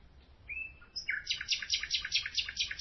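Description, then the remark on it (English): A lone male nightingale sings in the dark in the middle of the night with no other sounds: a few clear whistled notes, then a fast, rhythmic run of bright repeated trills pulsing several times a second. “In the middle of the night, I satisfied my desire and recorded a lone male nightingale singing in the dark.”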